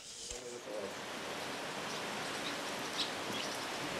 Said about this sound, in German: Schade, regnet es wieder, junge Hunde. Das finde ich jetzt schon ein bisschen gemein, dass wir nach knapp einem Monat so absaufen.